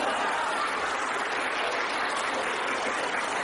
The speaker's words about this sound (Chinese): 下面我指挥啊， 哎，好， 这连乐带鼓掌啊， 嗯， 带头啊。啊，小朋友们要尽量的把嘴张大一点， 哎， 声音就大了。 好好好好 啊，多谢啊！预备，连乐带鼓掌。